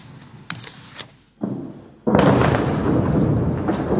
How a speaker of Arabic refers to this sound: انفجار هائل دوى في مرتفعات علي الطاهر التابعة لمنطقة نبطية في جنوب لبنان وتسبب بحدوث هزة قوية. الجيش الإسرائيلي الذي نشر هذه الصور يقول إنه استخدم أكثر من 1000 طن من المتفجرات لتدمير مجمع تحت الأرض تابع لحزب الله.